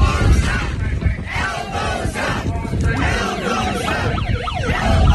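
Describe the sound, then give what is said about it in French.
Wailing sirens, brought along by a person in the crowd, rise and fall repeatedly over a loud, dense crowd roar with shouting, the sweeping siren tones growing clearer toward the end. “L'autre, il avait amené ses sirènes.”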